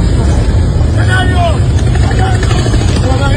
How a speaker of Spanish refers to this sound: Ese era el escape libre, no, ese no era un balazo.